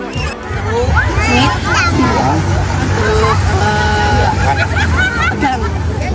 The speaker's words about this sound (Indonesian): Para penonton pun terus bersorak dan memberikan semangat kepada para emak-emak.